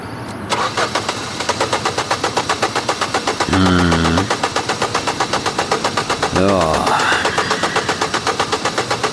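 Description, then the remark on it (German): A car starter cranks in a steady, rapid rhythm for several seconds without the engine catching, fairly loud, with two brief voiced sounds rising over the cranking. “Sehen Sie, der Anlasser geht, aber der Motor kommt nicht.”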